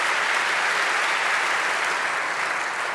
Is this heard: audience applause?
yes